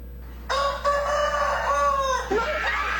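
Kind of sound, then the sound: bird, rooster crowing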